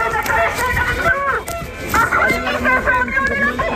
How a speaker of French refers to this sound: Alors vous les entendez hein, sans doute, les voitures klaxonnent pour soutenir les professeurs.